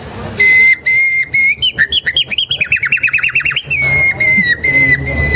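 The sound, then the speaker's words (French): A person whistles an imitation of nightingale song: sustained pure tones, then a fast run of rhythmic trilled chirps, then more long bright notes, loud with no talking. “Ce que Darwin aussi va découvrir, en fait, c'est que, avec les temps longs, les organes vocaux vocaux des oiseaux vont évoluer jusqu'à l'oiseau le plus évolué, le rossignol.”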